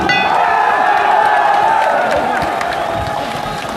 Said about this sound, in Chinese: 第二回合的比赛一开始之后呢，现场的观众朋友们马上就以热烈的掌声欢呼给两位选手加油。